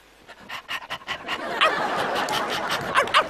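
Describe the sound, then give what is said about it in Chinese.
A person imitates a dog during a playful re-enactment of Pavlov's conditioning experiment: a run of quick, breathy pants builds into a denser stretch punctuated by a few sharp, bark-like yelps, loud. “你是真狗啊！”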